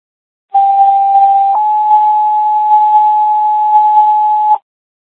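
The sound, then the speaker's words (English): Two-tone EMS paging alert from a dispatch radio in Waverly: a steady tone holds for about a second, then jumps to a slightly higher pitch for three seconds more, loud and clean, with no voices. “Attention EMS, stand by for tones.”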